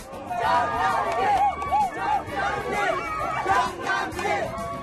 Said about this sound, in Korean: 한낮의 기온이 40도 가까이 치솟아 더워도 너무 더운 올여름 장흥에서 열리는 물축제가 막을 올렸습니다. 기대만큼이나 열정적인 함성.